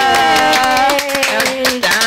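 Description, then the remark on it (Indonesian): An audience claps for Suara Indonesia, broadcast from Radio VOIB Brisbane, Queensland, Australia, in a dense, continuous patter, with a sustained pitched voice or musical tone holding and gliding downward over the applause throughout. “Jadi boleh dong tepuk tangan untuk Suara Indonesia.”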